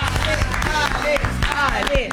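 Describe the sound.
A short burst of audience applause, quick overlapping claps mixed with voices talking and calling out over it at a steady, fairly loud level.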